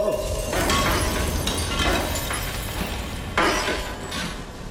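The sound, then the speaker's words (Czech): Ice cracks and shatters in a series of sharp, brittle bursts, loud, with crunching and splintering that recurs every second or so and overlaps a faint murmur. “Praskla si, ty potvoro, protože jsi měla ledové i srdce.”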